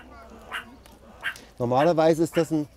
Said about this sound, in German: Normalerweise ist das ein Warnlaut, wo sie eigentlich auch drauf reagieren sollten und einfach verschwinden, wenn er so bellt. Ne. Weil das ist ja doch schon ein heftiger Warnlaut.